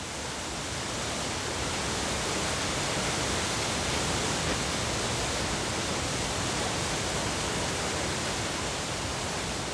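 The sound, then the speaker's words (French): Water rushes steadily into a canal lock as the water level raises or lowers a boat, a dense, unbroken roar of churning water that holds an even loudness throughout, with no voices or other sounds. “Encore une écluse. À chaque fois, le même événement captivant lorsque le niveau d'eau élève ou abaisse le bateau.”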